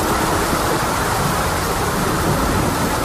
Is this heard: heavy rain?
yes